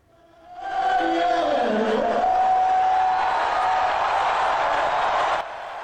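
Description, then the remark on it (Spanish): A huge crowd of thousands at the NBA Finals game between the New York Knicks and San Antonio Spurs in Madison Square Garden, New York, boos Donald Trump. The noise swells within a second into a loud, sustained roar of low, drawn-out jeers that holds steady for about five seconds before dropping off slightly. “Los abucheos de miles y miles de personas que asistían a la final de la NBA en el Madison Square Garden de Nueva York, partido entre los New York Knicks y los San Antonio Spurs.”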